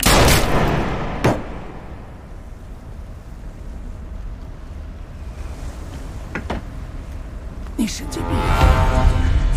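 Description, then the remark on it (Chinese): Several sharp gunshots fired aboard a boat during a birthday party crack out loudly at irregular moments, over a steady rumble of wind and water. “开枪都要拉到船尾去开的吗？在这儿开，搞得乌七八糟。”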